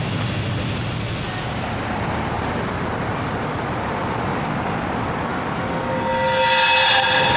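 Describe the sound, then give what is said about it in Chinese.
A train rumbles steadily along the rails with a dense, loud low roar and faint rhythmic clatter; near the end, a high metallic squeal or whistle tone rises over the noise. “我们检查了火车的包厢，这里的挡板都是一条一条拼接成的，我想趁着火车鸣笛的时候在挡板上钻个孔”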